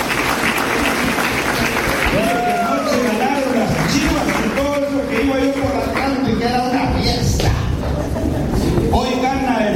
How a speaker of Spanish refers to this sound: Denle un aplauso para que se anime.